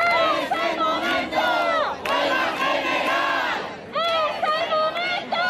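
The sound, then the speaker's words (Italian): A large street crowd in Spain, protesting after Parliament rejected the Sanchez government's decrees on the housing emergency, chants in unison: loud rhythmic shouted phrases repeating in bursts with brief dips between them, many voices blending into a dense, sustained roar. “proteste in diverse città della Spagna dopo la bocciatura in Parlamento dei decreti contro l'emergenza abitativa del governo Sanchez.”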